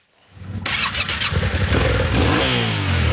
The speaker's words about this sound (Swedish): Här har vi en motorcykel. Den 700 kubik. Den har packboxar för att vi ska få med oss grejer.